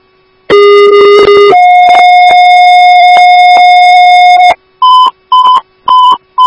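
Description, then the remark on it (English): Loud electronic pager alert tones dispatching the Woodbury Station 3 ambulance: a long steady two-part tone, low then higher, followed by four short rapid beeps, with no voices. “Woodbury Station 3 ambulance respond.”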